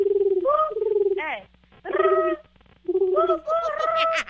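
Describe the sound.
A woman imitates a pigeon's cooing as a contest challenge, producing three bursts of throaty, warbling coos with short pauses between them, fairly loud, with no spoken words.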